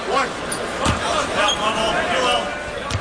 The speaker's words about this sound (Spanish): te voy a nominar para un Oscar, para que te den el Oscar por el sonido de las redes.